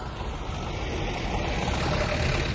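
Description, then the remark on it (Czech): A truck engine rumbles steadily, a dense low drone that swells slightly louder partway through as if drawing nearer. No voices accompany it. “Ale vízo, nakladné auto.”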